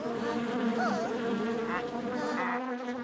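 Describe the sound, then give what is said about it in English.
A steady, droning buzz of bees fills the whole stretch, fairly loud, with the pitch wavering slightly as the insects hover and swirl around. “Buzz, buzz. Ah! Bees! Run away! Buzz, buzz. The bees buzz.”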